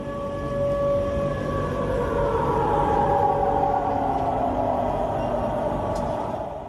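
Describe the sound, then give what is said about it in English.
Air raid sirens wail steadily across a city in Russia's southern Krasnodar region during a drone attack, their long sustained tones overlapping and slowly rising and falling, loud and continuous for the whole stretch with a broad rumble of background noise and no voices. “At least five blasts were heard as air raid sirens sounded across the city.”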